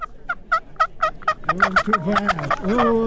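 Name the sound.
wild turkey gobbling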